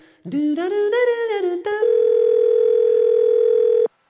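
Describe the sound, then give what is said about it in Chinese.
A brief wavering, pitch-sliding tone gives way to a loud, steady telephone busy signal that holds unbroken for about two seconds, then cuts off abruptly. No voices are present. “您所拨的电话忙线中。”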